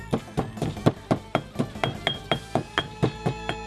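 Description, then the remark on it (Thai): A pestle pounds steadily in a mortar, crushing black pepper and kaffir lime peel, roughly four dull, thudding strikes per second with a faint ringing clink on each hit, continuing evenly throughout with no talking. “แล้วถึงคราวโขลกพริกไทยดำหั่นเตรียมไว้คือหัวคาตามมาคือผิวมะกรูดโขลกไปให้แหลกสักพัก”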